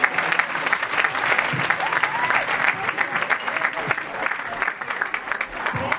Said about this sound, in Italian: Un altro applauso, forza.